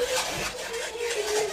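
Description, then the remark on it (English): Fingernails scratch and rasp along the panels of a wooden bedroom door from the dark gallery outside at Thornfield, at night, in a run of dry, uneven strokes, steady and moderately loud, over a faint steady hum with no voices. “Then it seemed as if my door was touched, as if fingers were groping their way along the panels in the dark gallery outside.”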